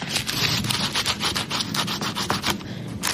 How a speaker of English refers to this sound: You want to rub a big fat raw garlic clove over a big crusty piece of toast and then use a good amount of olive oil. The toast is toasted. Very crunchy.